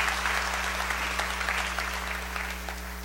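A steady burst of applause from a group, dense overlapping clapping that stays fairly even in loudness for a few seconds, with a low constant hum underneath and no one speaking.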